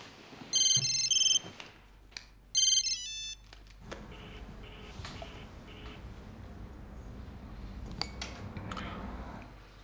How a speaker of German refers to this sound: Gehst da jetzt ran oder schaltest das Handy aus?